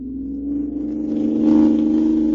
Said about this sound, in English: Ooh-wee. Looky at us go. Leaving it behind like it was standing still. This car's got an engine in it, all right.